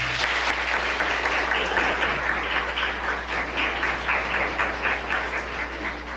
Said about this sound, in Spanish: Los aplausos para Monseñor.